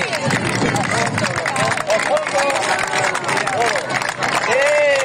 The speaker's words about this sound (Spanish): ¡Viva el Mar Menor! ¡Que siga limpio! ¡Un aplauso fuerte!